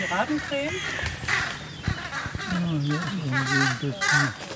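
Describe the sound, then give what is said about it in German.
Harsh, raucous bird alarm calls, crow-like caws and squawks, overlapping in a busy, agitated chorus, with brief soft thumps and rustles suggesting wings flapping. “Akustisch haben die Kollegen natürlich auch Alarm gemacht.”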